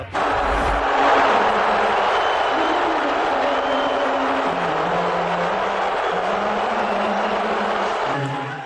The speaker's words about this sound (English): And the visiting Spurs, not the only ones getting booed at the game. That's President Trump, as he actually appeared on the Jumbotron during the Star Spangled Banner.